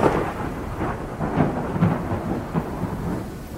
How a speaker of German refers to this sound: Ein Blitz? Gibt es hier Gewitter?